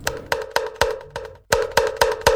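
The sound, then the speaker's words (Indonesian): A kentongan slit drum struck in a steady rhythm of sharp wooden knocks, about nine hits with a brief pause midway, each hollow, resonant and fairly loud with no talking, opening the "Waktunya kentongan" segment on Pro 1 radio. “Waktunya kentongan.”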